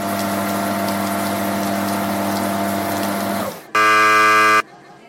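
A forceful spray of water from a high-pressure wash shower hisses steadily over a droning pump hum for several seconds, then cuts off; a loud electronic buzzer blares briefly before a faint lingering hiss.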